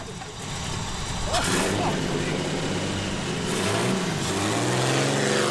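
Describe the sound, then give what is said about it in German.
Car engines rumble and rev up, pitch climbing as vehicles pull away following a Volkswagen Beetle on a sunny day, with a steady outdoor wash of noise and faint indistinct voices in the background. “Okay, pass auf, einfach hinter dem Käfer her, die nehmen euch in Empfang.”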